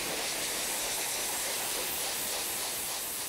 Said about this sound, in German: Wie heute Nova bei der täglichen Pflege. Zwar genießt die Elefantendame das Kärchern, doch das Knien ist eine anstrengende Position für sie.